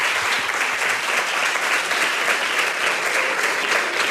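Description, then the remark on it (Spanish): Sustained, strong audience applause at the prize-giving of the 17th short film contest of Radio Nacional de España and Fundación Platino Crowdfunding, a dense, steady wash of many hands clapping at a constant loud level for the whole stretch, with no voices standing out. “Pues vamos a darle un fuerte aplauso para lo que vamos a ver después.”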